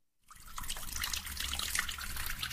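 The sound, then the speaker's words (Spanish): Water runs steadily from a tap, a continuous hiss of splashing flow that starts abruptly and holds at an even level with no voices. “Imagina un mundo sin agua.”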